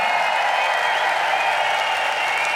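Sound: festival crowd applause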